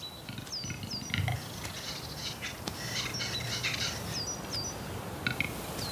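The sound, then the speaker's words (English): Male capercaillies call in a forest clearing as they compete to mate with the hens: repeated sharp, whistling chirps and brief downward notes over a low, gurgling rumble, with a steady chorus of birdsong filling the background and no voices. “Here, in a forest clearing, they'll compete for the right to mate exclusively with all the hen capercaillies.”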